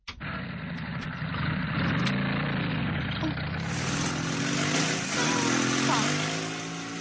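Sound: motorcycle engine idling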